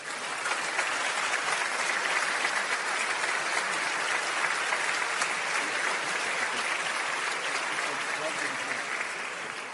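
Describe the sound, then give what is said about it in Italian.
Sustained applause from a crowd for a music band, a dense, steady patter of many hands clapping at an even loudness throughout, with no voices standing out above it. “Grazie alla banda musicale per essere stata qui con noi e alla quale rivolgiamo ancora un caloroso applauso.”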